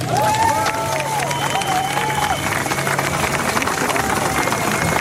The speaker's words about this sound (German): Einen großen Applaus für alle, die in Erfurt waren.